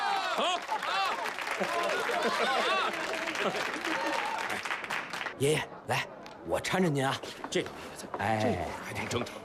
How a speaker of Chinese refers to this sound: 各位尊敬的来宾，下面让我们以热烈的掌声，请上我们最尊敬的老人，新娘的爷爷，致辞。